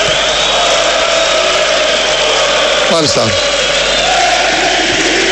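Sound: stadium crowd chanting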